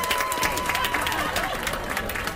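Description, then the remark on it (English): A film crew breaks into a round of applause at the wrap of filming, many hands clapping in a dense, steady patter that holds at an even loudness throughout, with faint crowd murmur mixed in. “Do we have a round of applause?”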